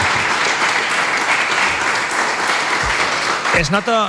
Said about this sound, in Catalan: Un aplaudiment, no?, per als nostres...